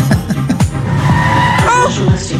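A car driving around a car park skids with loud, sustained tire squealing, the screech wavering in pitch over a rumbling engine, continuous with no pauses.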